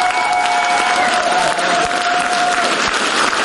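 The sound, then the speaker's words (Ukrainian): A packed hall audience rises to its feet in loud, sustained applause, an ovation for the show Eneida; a dense, steady roar of clapping that carries on without pause, with a faint held whistle-like tone above it. “Енеїду вітають овацією.”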